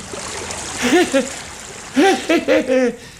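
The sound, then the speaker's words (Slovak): A steady, babbling stream runs throughout, its gentle wash of water continuous beneath a few short bursts of voice that rise and fall over it. “a už som aj stál na brehu neznámeho potoka.”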